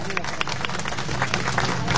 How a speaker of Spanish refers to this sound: Vamos a recibirla con un fuerte y caluroso aplauso.